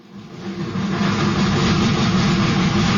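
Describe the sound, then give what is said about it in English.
Two steam locomotives chug along with a dense, steady rumble that swells up within the first second and then holds loud, with no voices. “It began with two chugging steam locomotives, school car number one and school car number two.”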